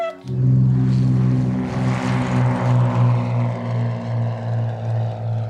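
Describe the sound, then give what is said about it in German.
A small propeller airplane engine drones steadily in flight, its low harmonic hum pulsing gently in a regular rhythm, loud and continuous with no voices. “einen Notfall hat im Flugzeug und dann müssen wir vielleicht notlanden.”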